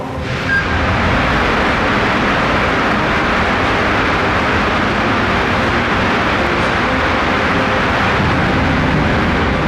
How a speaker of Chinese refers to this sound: 这是眼前这台苍穹50发动机的第6次点火试车。苍穹50正是智神星一号的主动力系统，这次是长程试车，点火时长300秒，远超火箭实际飞行需求，用极限工况考核发动机的耐用性。